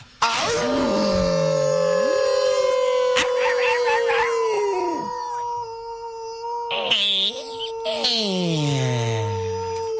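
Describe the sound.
A man's voice imitates a wolf howl on an ESPN Radio show: long, loud howls with sliding, wavering pitch, rising and falling over about ten seconds, with a brief break before the final drawn-out cries.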